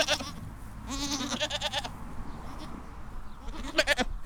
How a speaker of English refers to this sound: Yes, the very cute sound of some of the young goats in Limavady who'll be appearing at the Limavady Agricultural Show today.